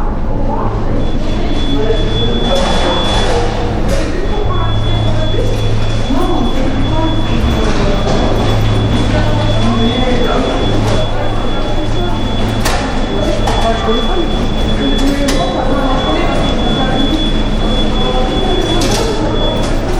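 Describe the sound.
A busy underground metro station: a train rumbles through with a steady low hum, metallic clanks and squeals, and a faint high whine, while indistinct voices murmur in the echoing space.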